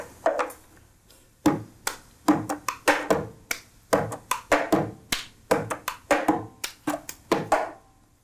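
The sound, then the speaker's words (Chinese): Rhythmic cup-game pattern: hand claps, slaps on a table, and a plastic cup picked up, flipped backhand and set back down. A steady run of sharp percussive hits in quick repeating groups, with no talking. “它就是很简单的，透过拍手，然后拍桌子，然后杯子拿起来，反手，再放下去，这些一连串的动作，然后让它很有节奏性。”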